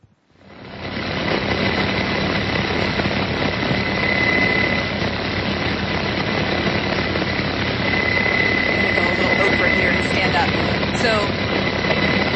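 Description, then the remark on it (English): A medevac helicopter's engine and rotor roar loud, a steady dense wash of noise with a whining turbine tone running throughout, rising in from near silence at the start, as a wounded soldier is put aboard. “he helped treat his wounds, he helped direct medevac in, and then he ended up bringing him and putting him on the helicopter.”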